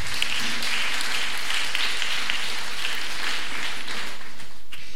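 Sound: audience applause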